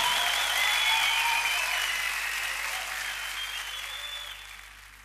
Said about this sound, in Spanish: Un aplauso para mi músico.